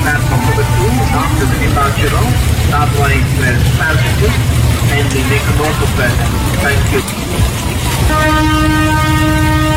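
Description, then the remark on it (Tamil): Busy railway station din with people chattering and rumbling movement, then a loud, steady train horn blares near the end and holds for a couple of seconds as the train is about to start moving. “Train move ஆக போகுது, சீக்கிரம் வா.”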